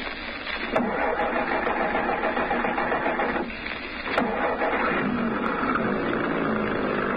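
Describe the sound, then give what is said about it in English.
A truck engine turns over and settles into a steady rumbling drone, broken by a couple of sharp mechanical clunks, with no voices. “We're getting into that truck.”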